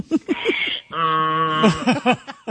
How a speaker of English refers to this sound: Is that a donkey? Yes. Or is that a man being a donkey? It might be a sound effect. I think it's a real donkey. It sounds like the guy who did sound effects on Prairie Home Companion.